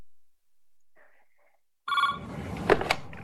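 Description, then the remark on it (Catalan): A telephone rings loudly, its bright electronic tone starting abruptly after a faint, quieter chirp, with a clatter of background noise underneath the ringing. “Li sona el telèfon i li estan explicant tota l'estona.”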